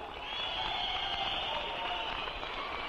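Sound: audience applauding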